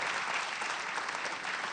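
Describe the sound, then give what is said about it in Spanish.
Steady, dense applause from an audience for Alejandro Dolina, a sustained wash of many hands clapping at an even loudness throughout, with no voices standing out. “El fuerte aplauso para Alejandro Dolina.”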